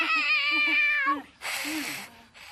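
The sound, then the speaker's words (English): A cat that does not want to be hugged lets out one long, loud, strained meow, then a harsh, breathy burst of noise follows, with no one speaking. “Turns out kitty does not want a hug.”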